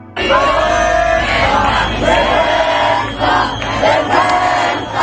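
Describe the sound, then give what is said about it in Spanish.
Hundreds of protesters around the lower house of parliament (Cámara Baja) shout slogans of "shame" (vergüenza) and "general strike" (huelga general) in unison as they head back to the Puerta del Sol, a loud, steady roar of many voices with rhythmic swells and chant-like surges throughout. “Al grito de vergüenza y de huelga general se dirigían de nuevo a la Puerta del Sol”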